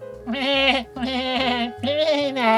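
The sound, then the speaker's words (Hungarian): A voice imitates a goat's bleat in three drawn-out, wavering calls back to back, fairly loud, with no other talk. “Azt mondja, hogy meg-meg.”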